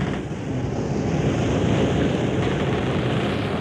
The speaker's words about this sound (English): Hear the creak of the rigging, listen to the wind whip the sails.